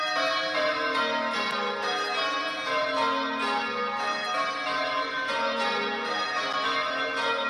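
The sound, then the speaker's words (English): Church bells ring in continuous sequence, overlapping metallic peals forming a steady, rhythmic cascade that fills the space at a fairly loud, even level with no voices present. “Bells can be very pleasing or they can be absolutely atrocious.”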